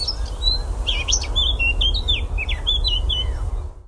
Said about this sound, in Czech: No, tak to nemůže být nic jiného než zpěv pěnice černohlavé, jednoho z nejzdatnějších zpěváků naší krajiny, zároveň jednoho z nejběžnějších našich ptáků